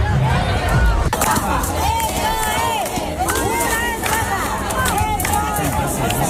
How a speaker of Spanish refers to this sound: El tercero tuvo lugar anoche, hoy hablaremos porque teníamos gente allí en el programa de eso, pero a las puertas parece ser que hubo una gran desorganización a tenor de los gritos y las protestas que se escucharon en la puerta. Menudo cabreo.